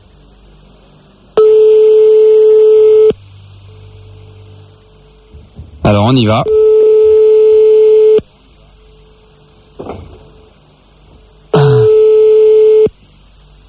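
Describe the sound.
A telephone ringback tone while phoning a couple buzzes three times, each a long, steady, loud purr separated by pauses of quiet line hum, with a short burst of talking just before the second ring.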